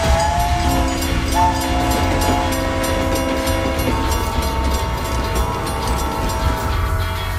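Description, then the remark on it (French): A train rumbles past with a long, sustained horn blast sounding over the rolling rail noise, loud, with no voices, used as the jingle for the Transcontinental segment. “Et vous êtes à bord du Transcontinental.”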